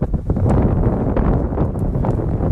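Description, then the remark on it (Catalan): Steady, loud, cold Arctic wind in Svalbard roars and buffets continuously, with a low rumbling rush and occasional gusty flutters across the whole stretch; no voices are heard. “El fred talla la respiració, el vent se't cola per la samarreta tèrmica.”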